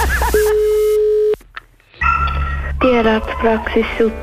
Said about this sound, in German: Das Telefon.